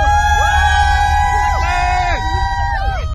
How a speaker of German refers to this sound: Und die über 100.000 sorgen für lautstarken Jubel für ihre Fahrer.